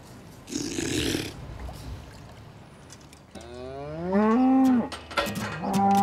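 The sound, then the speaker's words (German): A cow lets out a long, loud moo with a rising then falling tone, preceded by a burst of breathy noise and followed by another shorter bellow. “In Kilchberg in der Schweiz ist eine Frau der Meinung, eine Kuh kann mehr als Kälber kriegen und Milch geben.”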